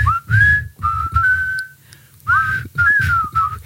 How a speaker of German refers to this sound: Und gleich pfeifen wir im Takt zur.